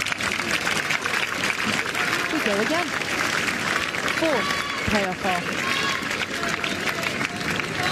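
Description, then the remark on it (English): A golf crowd applauds steadily for the full eight seconds after another hole in the match between Tristan Lawrence and Paul Casey, a dense loud patter of clapping with a few voices calling out and whooping over it. “We warm applause for another hole.”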